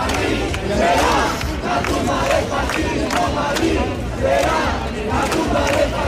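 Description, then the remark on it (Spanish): A large crowd of protest campers at the Sol encampment chants in unison in reply to insults from ultra and Nazi groups, voices rising and falling in a steady rhythmic pattern with loud shouted bursts, continuous and dense throughout. “Ante estos insultos e increpaciones responden así los acampados.”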